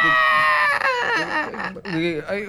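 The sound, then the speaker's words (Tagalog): A baby cries loudly, a continuous wavering wail with rising and falling pitch that breaks briefly before resuming for the rest of the moment. “Hilang man na yun, oh!”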